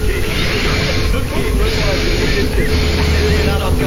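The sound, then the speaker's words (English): A dense, unbroken stream of recorded breaths, edited with the gaps between them cut out and spliced back to back, loud and hissing with no pauses, forming a steady rushing texture with faint squeaky tones. “Have a listen to all the breaths smooshed together.”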